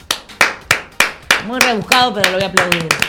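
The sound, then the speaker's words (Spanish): A steady run of about ten sharp hand claps at an even, brisk pace; halfway through, a voice starts talking or laughing over the continuing claps. “Muy rebuscado, pero lo voy a aplaudir.”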